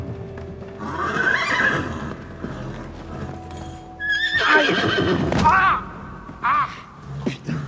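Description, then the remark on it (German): A horse whinnies loudly, once early and again in a longer, shrill burst, with hooves clopping and thudding on a hard surface between the calls. “Wollen Sie das Pferd jetzt verprügeln, weil Sie nicht mit ihm klarkommen?”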